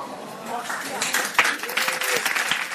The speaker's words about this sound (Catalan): Podeu aplaudir.